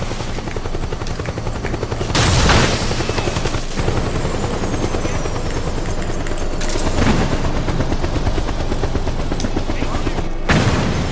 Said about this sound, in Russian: А скоро вертолеты кончатся, а?